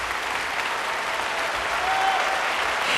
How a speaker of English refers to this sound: And with that hearty applause, the audience calls … back for an encore